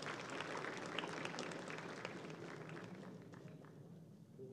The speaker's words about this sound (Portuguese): Salva de palmas.